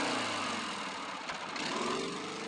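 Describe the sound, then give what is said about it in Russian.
A helicopter passes overhead, its engine a loud, steady, rushing drone that fills the whole clip without fading. No one speaks. “Над ним в ту же сторону пролетает вертолет.”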